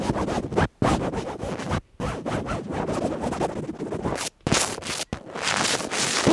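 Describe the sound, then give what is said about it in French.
A microphone rubs and scrapes against a plastic shower curtain in continuous, uneven rustling strokes, broken by a few brief pauses. The crinkly friction noise is fairly loud and there is no talking. “Frottement du micro sur le rideau de la douche.”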